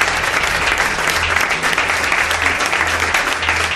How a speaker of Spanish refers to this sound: pide un aplauso. Es el nuevo flamante director de programas de Radio Nacional, Roberto Santamaría.